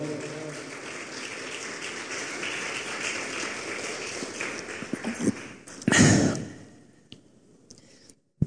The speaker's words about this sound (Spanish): Y un aplauso, por favor.